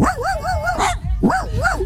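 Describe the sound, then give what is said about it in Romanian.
A man on a beach imitates a dog barking, done for his friend Cătălin Tudorașe, with loud, wavering yelps, a quick run of them, a brief pause, then another burst. “Uite, eu am lătrat acum pentru prietenul Tudi, Cătălin Tudorașe, așa?”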